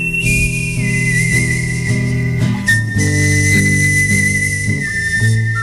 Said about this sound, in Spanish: hoy está en Días de Verano este señor, este que está tocando la guitarra ahora y que silba así.